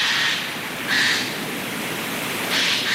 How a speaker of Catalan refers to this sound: Gaig, Garrulus glandarius. El trobem durant tot l'any a les zones boscoses.